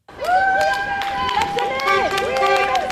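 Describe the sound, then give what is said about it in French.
Several car horns honk in support of striking teachers at a picket line in front of a school in Brussels, overlapping, sustained blasts with slightly wavering pitch, over a steady murmur of street noise and voices from the gathered crowd. “Des coups de klaxon en guise de soutien.”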